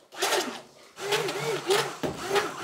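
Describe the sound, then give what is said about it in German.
A small blender mixing sugar with inulin and guar gum whirs in three short bursts, its buzzing motor pitch wavering up and down as it churns, with brief gaps between the pulses. “Am besten nehmen wir jetzt mal den kleinen Mixer.”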